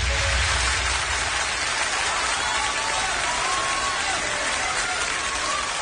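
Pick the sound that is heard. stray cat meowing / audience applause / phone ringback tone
audience applause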